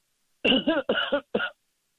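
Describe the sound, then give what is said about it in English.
A short burst of harsh coughing, three or four quick rasping coughs in a row followed by one final cough, then silence. “Oh, excuse me, I had a cough.”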